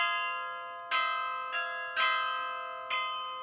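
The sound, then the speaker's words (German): Bright, ringing carillon bells at the Karlskirche in Germany, played by a 16-year-old carillonneur, strike a slow melody, four clear notes each blooming and then fading into a long shimmering resonance that overlaps the next, heard alone with no voices. “Passt irgendwie zum wahrscheinlich jüngsten Glockenspieler Deutschlands,”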